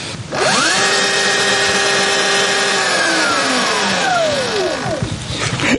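An electric motorcycle motor, run to demonstrate its loudness, whirs up to a steady high-pitched whine, holds it for a few seconds, then winds back down, with no talking.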